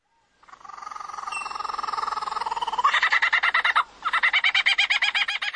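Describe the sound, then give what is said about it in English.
A lyrebird mimics the songs of other birds, loud: sustained whistled calls shift into a rapid, rhythmic run of pulsing notes that pauses briefly and then resumes. No one speaks. “It's called the lyrebird, and it copies the songs of all kinds of different birds.”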